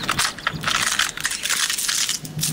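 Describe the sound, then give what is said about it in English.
A dry, crackling crunch of a fall leaf being stepped on, a dense burst of brittle snapping that lasts a couple of seconds with no voices. “Wait, don't step on that one. Why? I was saving it for the big crunch.”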